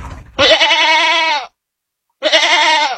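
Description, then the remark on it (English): A goat bleats twice, loud, each call a long wavering cry of about a second separated by a brief silence, with no talking. “That, my friends, is a goat rodeo.”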